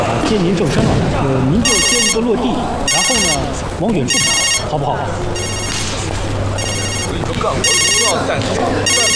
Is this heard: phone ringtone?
yes